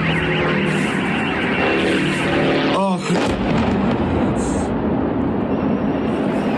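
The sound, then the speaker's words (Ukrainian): A steady, loud droning engine buzz from Ukrainian attack drones flying overhead in an attack on an oil refinery, layered over heavy roaring rumble, with a brief whooshing sweep partway through. “українські дрони атакували нафтопереробний завод у Пермі”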